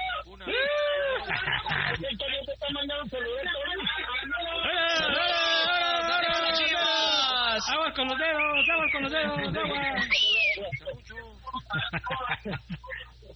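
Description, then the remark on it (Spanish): A group of butchers shout and whoop together, several voices overlapping in rising, drawn-out cries that keep going for several seconds, loud and a bit thin as if over a phone or radio line. “Saludos a todos los carniceros. A ver, muchachos. Ey. Un gritito de. ¡Grítenle, hombre!”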